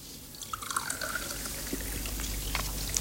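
Soda pours steadily into a glass for about three seconds, a continuous fizzy hiss with bright bubbling and a few small drips over it, moderately loud, with no talking.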